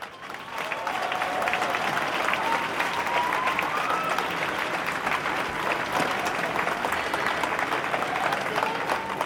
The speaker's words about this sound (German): Großen Applaus bitte.